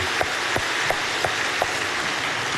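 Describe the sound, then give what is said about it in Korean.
A crowd applauds steadily as applause of glory offered to God, a dense wash of many hands clapping at an even level, with faint regular accents about three times a second. No one speaks. “하나님께 영광의 박수 올려드립니다.”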